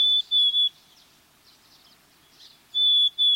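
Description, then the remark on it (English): Clear, plaintive whistled song of a black-capped chickadee: a pair of pure tones, a quiet gap with faint softer chirps, then another pair of whistles, fairly loud. “Black-capped chickadees sing a plaintive, whistled song”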